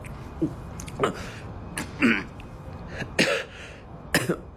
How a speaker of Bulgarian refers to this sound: Ето, опитай. Внимателно, задави ли се?